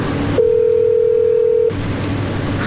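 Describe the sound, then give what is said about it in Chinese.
A single steady electronic phone tone, a ringback beep lasting just over a second, sounds loud and clear against faint room noise as a call to a manager at a manufacturer goes unanswered, with no one answering or speaking. “嘿，不接电话啊？怎么不接电话？”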